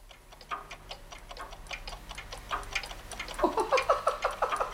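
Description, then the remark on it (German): A roomful of small and large clocks ticking at once, pendulums swinging, overlapping clicks at different speeds forming a busy, uneven clatter that grows denser and brighter toward the end, with one small clock's quick ticker standing out. No one speaks. “Ist das ein Geticke und Geschwing? Die kleine Uhr da, wie die schnell hin und her wedelt.”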